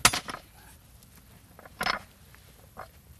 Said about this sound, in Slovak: Týmto ťažkým kladivom musíme silno udrieť, aby sa to odtlačilo do tej medi. Pozor.